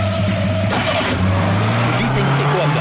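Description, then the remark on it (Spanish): A car engine fitted with a Distribat battery hums steadily, then its pitch climbs as it revs up and keeps droning loudly for the rest of the few seconds. “Coche con una batería Distribat, el equipo siente el empuje.”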